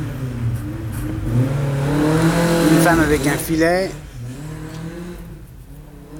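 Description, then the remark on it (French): A loud rally car engine revs hard and sweeps past, its pitch climbing then dropping, while a man speaks briefly over the roar and street traffic. “Un connard avec une voiture rallye.”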